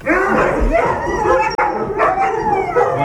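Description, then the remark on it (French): A loud, continuous chorus of many sled dogs barking, yipping and howling together, their overlapping cries filling the whole stretch without a pause. “Je comprends pourquoi tu voulais pas de voisins, en fait. C'est ça, parce que dès qu'ils voient du monde, ils savent pas si on va aller les chercher, si on va leur faire des caresses,”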